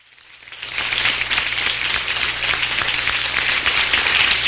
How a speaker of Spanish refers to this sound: A ver, arriba con ese aplauso.